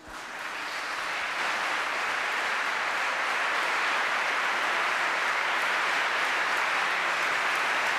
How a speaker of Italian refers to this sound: Volevo ringraziare Maria Vision con questo applauso per aver diffuso anche questa serata straordinaria in tutto il mondo. Grazie.